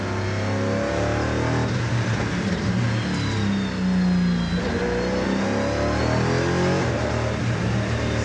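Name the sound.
race car engine accelerating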